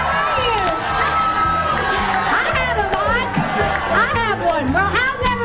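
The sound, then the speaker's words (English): A large crowd cheers and shouts continuously at Dolly's surprise appearance at the grand opening of her Tennessee and Travel Stop in Cornersville, Tennessee, on June 24th, with excited children's voices rising above the din and a steady low rhythmic thump underneath, loud throughout. “Here's what she told the stunned crowd. They couldn't believe she was there.”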